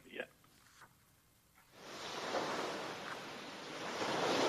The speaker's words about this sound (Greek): Και έτσι λοιπόν εμείς φίλες και φίλοι θα σας αφήσουμε με την πιο όμορφη θάλασσα.